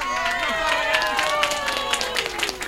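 An audience applauds steadily for a couple of seconds, a dense patter of many hands with sharper individual claps poking through, over a sustained tonal sound underneath.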